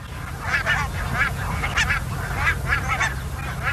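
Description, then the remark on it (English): A large flock of barnacle geese on their wintering grounds in the Netherlands honks continuously, dozens of short yapping calls overlapping over a steady low rumble of background noise. “This is a recording of the geese on their wintering grounds in the Netherlands.”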